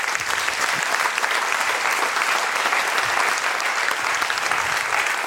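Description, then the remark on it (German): Sustained applause from an audience during a prize presentation in a studio, a dense, steady patter of many hands clapping at an even, fairly loud level throughout, with no voices standing out. “Bitte kommen Sie beide zu mir und auf Applaus für Frau Schette.”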